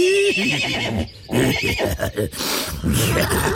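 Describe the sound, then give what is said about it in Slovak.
A horse whinnies loudly, a long quavering neigh that rises and shakes in pitch, broken by a brief pause before it carries on. No one speaks. “A doktor sa rozrehotal ako taký kôň.”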